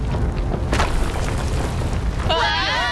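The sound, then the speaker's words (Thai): A heavy, continuous low rumble with a sharp boom early on as a room collapses, and a wavering cry or shout rising over the din near the end. “รีบไปเถอะห้องจะถล่มแล้ว”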